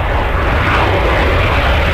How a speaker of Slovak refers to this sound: Jasné, že lietadlá už boli, ale zďaleka sa nevyužívali na komerčné účely, takže toto, takéto zvuky ešte po svete neboli, ani po oblohe, také tie krásne pasiky, ktoré ostávajú za lietadlom.